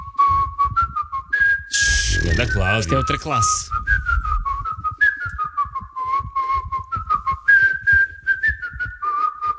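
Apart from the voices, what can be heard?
human whistling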